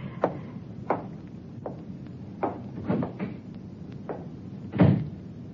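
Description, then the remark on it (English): A door is shut amid a run of wooden knocks and thumps, several sharp clacks spaced irregularly, ending in a heavier, louder bang. No one speaks. “Close the door.”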